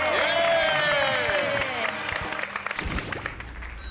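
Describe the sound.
A crowd applauds loudly with whoops and shrill cheering voices rising over the clapping, then the noise thins into scattered claps and thumps near the end.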